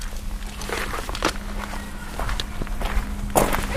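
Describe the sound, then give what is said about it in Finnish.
Footsteps crunch along over a steady low hum in the yard of the Tuuri youth association, then near the end a car door lock clunks with a short, sharp click as the car is locked. “Alkaako nämä meidän keikat aina sillä, että auto on viljyään kiinni? Ja sit kuuluu tää lukitusääni.”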